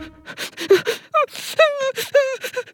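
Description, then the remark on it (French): A voice acts out the exaggerated crying of Toudou, a sad cuddly toy sitting in a corner: rising and falling whimpers and wails broken by short sobbing gasps, with no actual words. “Il est assis dans un coin et il pleure.”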